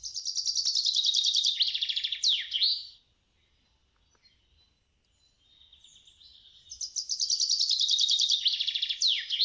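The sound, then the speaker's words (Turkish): Two bright chaffinch songs, each a rapid descending trill of notes ending in a quick flourish, separated by a few seconds of near-silence; clear, with no voices. “lafı uzatmadan bir ispinoz ötüşüne geçiyorum”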